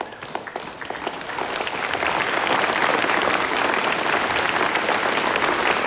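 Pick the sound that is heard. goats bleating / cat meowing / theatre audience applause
theatre audience applause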